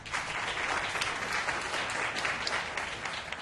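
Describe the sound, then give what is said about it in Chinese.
Steady crowd applause welcoming the new vice chairman of Yan's Enterprises, head of a new shopping mall, to give a speech at the mall's event; a dense wash of many hands clapping at a constant, fairly loud level for a few seconds, with no voices over it. “为我们致辞，掌声欢迎副董事长。”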